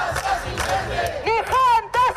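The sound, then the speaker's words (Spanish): A loud street protest crowd in the Canary Islands on Saturday 26 September, groups and citizens demanding the right to housing and social rights, chants and shouts in unison, their voices rising in repeated swelling calls over a dense, continuous roar of many people. “Buenas tardes, son las 12:30 y a esta hora este es el sonido en la calle en Canarias este sábado 26 de septiembre.”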